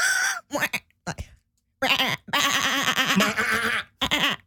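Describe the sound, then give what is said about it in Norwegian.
A person imitates a sheep's bleat with several wavering, nasal vocal bursts, short ones first and then a long quavering one, fairly loud with brief pauses between. “Prøv å lage en sauelyd der også, da.”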